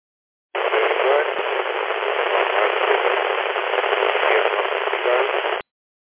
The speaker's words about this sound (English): I'm getting you a full signal, mate, but there's a lot of static over the top of you.